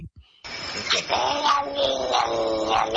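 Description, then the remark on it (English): A cat's meow played backwards: a loud, warbling yowl that swells in abruptly and wavers for a few seconds with an unnatural, reversed shape. “I got to hear the cat backwards again, only because I think really it's really cool.”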